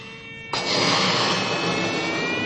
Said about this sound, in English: With my eyes closed, I begin to blow into a balloon. The things I do for science. Okay, here we go. Now listen to the sound.